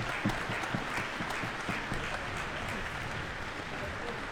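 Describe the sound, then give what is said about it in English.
Sustained applause from a large concert audience in Kodak Hall, Eastman Theater, Rochester, New York, after the world premiere of Jennifer Higdon's cello concerto played by cellist Julian Schwartz with the Rochester Philharmonic Orchestra, demanding an encore: a dense steady wash of many hands clapping at an even loudness throughout, with no voices standing out. “And I think this crowd is demanding an encore from cellist Julian Schwartz.”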